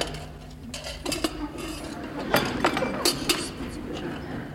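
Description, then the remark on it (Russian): Dishes and cutlery clink and clatter as plates are gathered after a lunch, with several sharp metallic taps and scrapes over a low background hum, no one speaking. “Позвольте, я отнесу посуду.”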